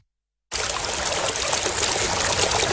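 Steady trickling river water starts abruptly after a brief silence, a continuous bright babbling flow, fairly loud, with no voices.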